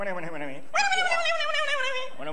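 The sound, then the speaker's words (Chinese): A man's voice imitates an upstairs neighbour's dog barking at him, giving a short yelp, then a long, high, drawn-out whining bark, and a brief final yelp, fairly loud. “就算找着了，再出来一个不会说人话的，冲我那直叫唤。”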